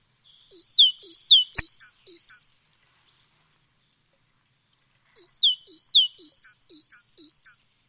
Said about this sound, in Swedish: Vad var det där? Ja, det här är ju talgoxen. Ja. Och den är ju en stannfågel, så den ser du ju också vid matningarna.